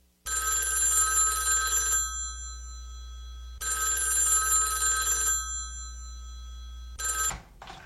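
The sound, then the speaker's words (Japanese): A telephone rings in bright, buzzing bursts, two long rings about two seconds each with a pause between, then a short third ring cut off, loud over a low steady hum. “もう落ちるところまで落ちたと思えたとき、電話が鳴りました。”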